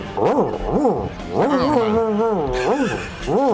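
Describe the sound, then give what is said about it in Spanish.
A listener imitates an angry dog with a string of rough, arching growl-barks and a longer snarling whine in the middle, loud, with no other sounds around it. “Perro cabreado.”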